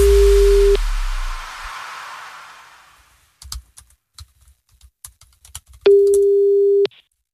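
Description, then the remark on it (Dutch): A telephone ringback tone on a call from the radio show Slam sounds twice before the call is answered, two steady one-second beeps about five seconds apart, with fading hiss after the first and scattered clicks and taps in between; no one speaks. “Ja, hij neemt de telefoon weer op.”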